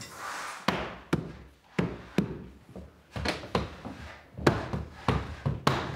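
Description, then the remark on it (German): Carpenters hammer on wood while fitting a door leaf in a bedroom, about a dozen sharp knocks in an uneven rhythm with short pauses, some strikes coming in quick pairs, over a faint background. “Die Zimmerer sind noch mal da. Das Türblatt einsetzen.”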